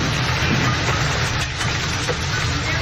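heavy rainstorm with hail

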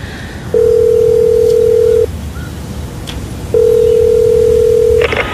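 telephone ringing tone

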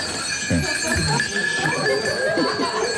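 goat bleating

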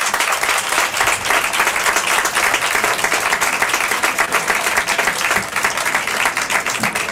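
audience applause and ovation

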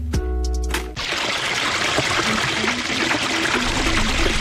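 water running

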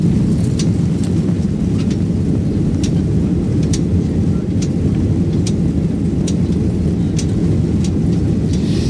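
airplane engine

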